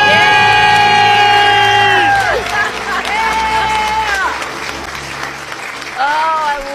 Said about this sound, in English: All right, you guys, count it down. Let's hear your big debt-free scream. All right. 3, 2, 1. We're debt-free!